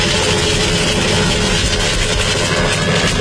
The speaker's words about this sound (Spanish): Está llegando el helicóptero ya. Él ya seguramente debe estar saltando hacia el techo de la terraza de Radio Mitre.